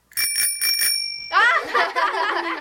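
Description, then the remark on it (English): A small tricycle bell, used to imitate a ringing phone, rings in a quick burst of about four bright trills, clear, then its tone lingers as a person starts talking over it. “Jason came up with the idea of using a tricycle bell.”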